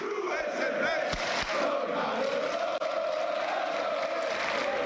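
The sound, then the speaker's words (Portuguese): A large crowd at a street protest rally near the Torre de Maratón, protesting prices, roars and chants together in a steady, unbroken wash of many voices, with shouts rising above the din and a few sharp claps or thumps near the start. “Unha auténtica barbaridade a cantidade de xente que había ali donde a Torre de Maratón, protestando xa non só polos prezos, sino polas cosas.”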